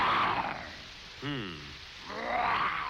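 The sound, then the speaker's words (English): A man growls and roars in imitation of a lion at March Field, illustrating March coming in like a lion. Rough breathy bursts surround a short guttural voiced grunt, fairly loud, with no other talk. “Yes, ladies and gentlemen, as you all know, March is the month that comes in like a lion.”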